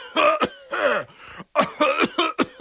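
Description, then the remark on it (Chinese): A rapid, loud fit of harsh, hacking coughs, about eight or nine bursts in a row with brief raspy gasps between them, performed by a single voice acting out a man coughing from thick cigarette smoke on opening the door of his hotel room. “周胖子来到自己的房间，一开门居然被这烟熏的呀，拼命咳嗽起来。”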